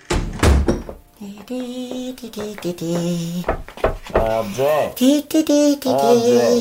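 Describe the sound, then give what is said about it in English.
A door shuts with a single heavy thunk right at the start, then voices take over, talking and calling out for the rest of the moment. “I've only closed the door”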